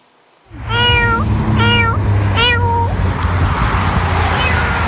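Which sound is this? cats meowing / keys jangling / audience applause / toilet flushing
cats meowing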